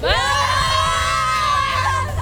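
A contest participant's group of supporters yells a loud, sustained team cheer in unison at a Match 99.3 radio contest, their high-pitched voices holding one long shouted note with a steady low rumble beneath for about two seconds.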